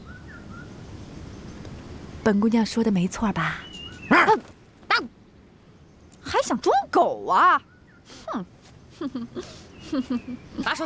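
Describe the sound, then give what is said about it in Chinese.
A person imitates a dog, letting out a series of loud, irregular bark-like yelps in short bursts, with whining, voice-like sounds between them. “当，还想装狗啊？”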